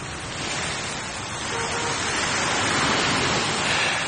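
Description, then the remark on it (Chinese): Ocean waves wash steadily onto a seaside shore in a continuous broad hiss of surf, swelling slightly louder toward the end, with no voices present. “再说常远，从刘卫华的办公室里出来以后，他一个人心情沉重地跑到了海边。”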